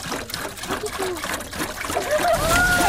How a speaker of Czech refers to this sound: A teďka by nám to celé zhořelo na popel, což my nechceme, protože si chceme vyrobit ten biouhel, takže to potřebujeme zalít. Tak, doplníme vodu do konve.